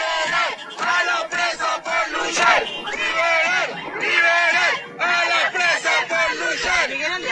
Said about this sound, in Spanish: Gritos de libertad para los presos, para las presas, para todas las compañeras, compañeros, compañeres que están secuestrados en las cárceles, que no pueden estar despidiendo a la compañera Luisa.